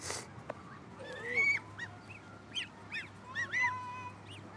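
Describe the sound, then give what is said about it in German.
Domestic geese honk repeatedly in a loose, overlapping chorus, harsh nasal calls coming in quick bursts over a steady low background hum. “Meine Gänse sind ja sowieso manchmal so ein bisschen ruppig. Das sind ja auch die besseren Wachhunde.”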